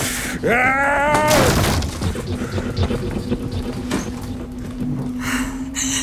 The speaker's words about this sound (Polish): Po co ta złość, Charles? Rozbiłeś krzesło.